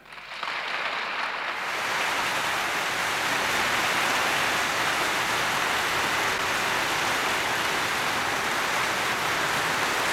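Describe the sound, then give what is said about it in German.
Loud, sustained, enthusiastic applause from an audience of over 1000 standing in Germany as the President of the United States walks to the lectern swells in within the first second or two and holds steady as a dense, even roar of clapping hands, with no voices rising above it. “Alle Anwesenden haben sich noch einmal als Zeichen der Ehrerbietung erhoben und Sie hören ja selbst den Begeisterungsapplaus der hier Anwesenden über 1000”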